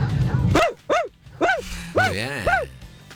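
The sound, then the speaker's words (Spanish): Five sharp, high-pitched dog-like barks in an uneven rhythm, fairly loud, with a brief whiny yelp between the last two, made by a person imitating their own dachshund barking. “tengo un perro salchicha.”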